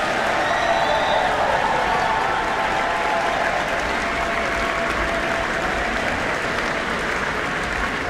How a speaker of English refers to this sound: Please, big round of applause for everyone involved in tonight.